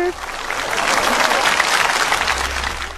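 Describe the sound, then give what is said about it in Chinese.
Steady, enthusiastic applause from a group welcoming a guest, a fursuit blogger, on a show fills the whole moment, dense and continuous clapping at a fairly loud level with no pauses. “没事，也给你以热烈的掌声欢迎今天我们的兽装博主”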